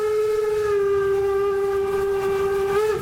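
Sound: steam train running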